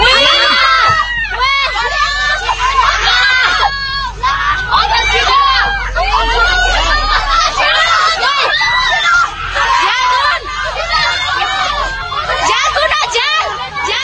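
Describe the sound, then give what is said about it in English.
Passengers on a bus scream and shout at once, high frantic cries overlapping without pause, over a steady low rushing rumble of muddy floodwater surging through a valley around the bus, loud throughout. “A passenger caught the moment a bus was almost washed away by muddy floodwater surging through a valley.”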